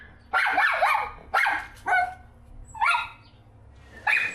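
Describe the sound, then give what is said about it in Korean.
A dog named Garu, anxious and searching for its guardian, barks outside in five loud, separate bursts with uneven pauses between them, each bark high-pitched and whining at the edges, with no talking. “저렇게 짖으면은 옆에 있는 로이도 또 스트레스 받을 것 같아서.”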